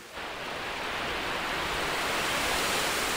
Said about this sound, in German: Ein Wasserfall. Manchem schlüpft hier über die Lippen, dass er mal in Norwegen war oder in Kanada. Und da habe er ganz andere. Ja, die Wasserfälle in Norwegen jedoch sind eine Gegebenheit. Und dieser hier ist gemacht.